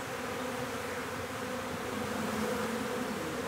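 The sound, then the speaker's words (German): A dense, steady drone of many honeybees buzzing around an old log hive in a park, continuous and unbroken for the whole stretch, with no voices. “Die wilde Wiese wächst rundherum heran, aber der Park ist bald eh ein Blütenmeer und es wird den Bienen an nichts mangeln.”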